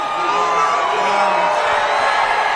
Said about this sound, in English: We hear the chants of USA, USA, USA. The president is doing his pointing greeting that he likes to do to people in the crowd that he spots.